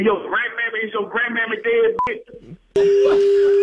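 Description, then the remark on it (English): A phone-line voice talks, then a short electronic beep sounds and a steady, loud telephone tone sets in and holds as a call is placed to call someone back, the kind heard when a number is keyed in on a keypad. “He got mad. Let's call him back. Here we go.”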